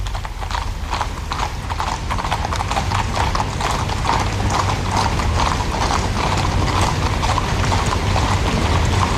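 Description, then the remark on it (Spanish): Many horses' hooves of the Royal Guard's mounted service (grey, chestnut and Hispano-Breton horses), led by a corporal carrying a standard, clip-clop steadily on a hard surface, a dense, overlapping clatter from a passing mounted column, continuous and fairly loud, with a low rumble underneath and no talking. “pero que al mando de un cabo primero que hemos podido apreciar ya lleva un estandarte en la cual vemos los crines de las tres diferentes capas que conforman el servicio a caballo de la Guardia Real, los tordos, los alazana o los hispano-bretones.”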